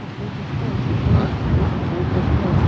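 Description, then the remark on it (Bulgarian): Steady wind blows at the seaside in Pomorie, a loud, continuous low rumble buffeting the microphone for the whole stretch, with a broad hiss on top and no clear talking. “И тук леко рами, духа и вятър”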